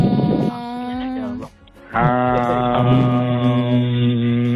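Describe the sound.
A group of people on a ZM radio call hums together to enter a prize draw. They hold two sustained, steady tones: a shorter hum that fades out, a brief pause, then a longer, fuller hum with several pitches blending.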